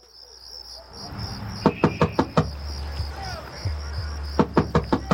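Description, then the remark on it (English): Someone outside in the cold knocks on a door in two bursts of four or five sharp raps, with a pause between, while crickets chirp steadily in the background over a low rumble. “Please open the door, baby. It's cold out here.”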